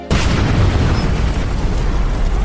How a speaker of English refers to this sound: A month later, I was running the oil-lubricated honing machine when a spark from the electric motor ignited the oil vapor.